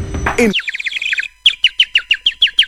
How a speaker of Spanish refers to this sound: Suena el pajarito, escucha.